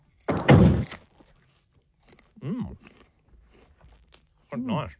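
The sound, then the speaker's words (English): A loud crunch as teeth bite into a crisp apple, followed by quiet chewing and two short voiced murmurs. “It's got a good crunch to it, that one.”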